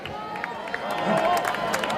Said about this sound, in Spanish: Fuerte aplauso para …, … y …. Fuerte aplauso, que se oiga.